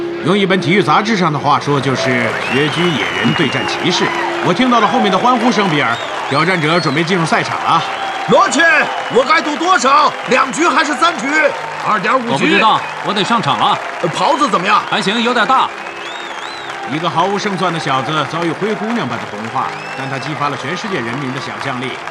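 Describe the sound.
A large crowd at a boxing match roars and cheers continuously as the challenger prepares to enter the arena, many voices overlapping into a loud, dense wall of sound with scattered shouts and some clapping, steady for the whole stretch.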